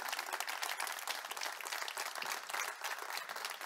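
Sustained applause for Jesus from a large group, a dense, steady wash of many hands clapping at once with no distinct individual claps, holding at an even loudness throughout.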